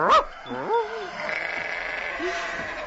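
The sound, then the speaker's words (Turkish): Several sheep, scattered across the grounds of a dervish lodge as far as the edge of its garden, bleat in wavering, nasal calls, a few overlapping cries spread across a few seconds over a faint outdoor background hiss. “Koyunlar da her tarafa dağıldılar. Ta tekkenin bahçesinin kenarına kadar gitmişler.”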